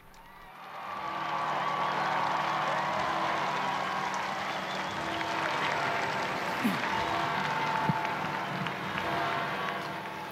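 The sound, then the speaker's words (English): A large crowd applauds and cheers continuously to welcome the Holy Father at a Sunday liturgy, a dense, steady roar of clapping and voices that swells up after the first second and holds loud throughout, with occasional higher shouts poking through. “We join this enthusiastic crowd to welcome the Holy Father.”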